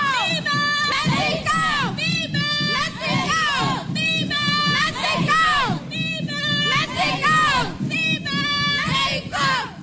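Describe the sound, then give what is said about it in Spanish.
A loud outdoor crowd of many young voices shouting and chanting together in repeated, rhythmic bursts, with a steady background din, at an independence parade in Tapachula where Haitian migrant girls are marching. “Bueno, pues ahí están, miren, las niñas haitianas desfilando en Tapachula.”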